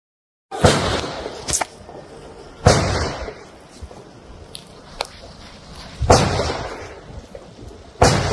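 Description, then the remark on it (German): Several sharp, loud gunshots, fired in a simulation from 10 meters away, ring out at irregular intervals, each followed by a rumbling echo that lingers between shots, with no voices present. “Und hört mal dazu die Schüsse.”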